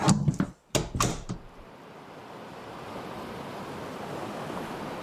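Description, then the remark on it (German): Ocean waves wash steadily around a capsule floating on the ocean, a broad continuous surf hiss after a few sharp knocking clicks at the start, moderately loud with no voices. “treibt in ihrer Kapsel auf dem Ozean.”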